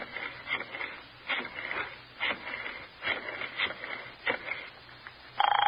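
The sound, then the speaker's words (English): A telephone is dialed to call Roger: a series of short, irregular mechanical clicking whirs, followed at the end by the start of a steady ringing tone over faint background hiss. “All right, give me the phone. You know his number?”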